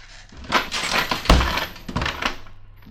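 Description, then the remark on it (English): A heavy trap door slams shut with one loud, booming thud, surrounded by a jumble of rattling, clattering crashes of dishes breaking in the house across the street, before settling into a faint hum. “Darn. I shouldn't have let it slam.”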